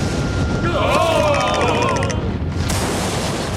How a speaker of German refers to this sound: Und zu allem Übel ziehen am Horizont auch noch dunkle Wolken auf. Seht doch! Ein Gewitter!